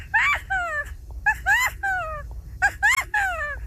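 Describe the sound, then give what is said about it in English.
A 12-year-old child's voice imitates a California quail, repeating a three-note call three times in a row, each phrase high, nasal and swooping, with short pauses between. “California quail.”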